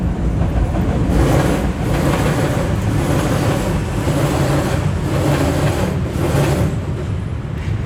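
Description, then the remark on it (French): A metro train at La Chapelle arrives and departs, rumbling loudly on its rails, a dense, steady roar with faint rhythmic clatter that holds throughout, with no voices. “Il y a cette scansion de la bête qui arrive, le métro qui part, repart,”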